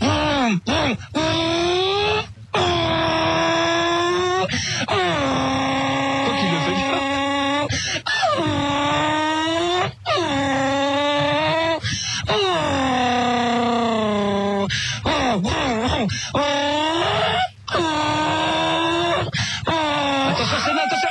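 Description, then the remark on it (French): A voice imitates a Formula 1 race car as a voice-training exercise, loud, with buzzing engine whines that rise and fall through repeated gear shifts, broken by brief pauses for breath over about twenty seconds. “J'arrive au plus vite à faire la voiture de course.”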